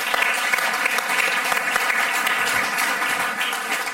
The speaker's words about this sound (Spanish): Un aplauso para ….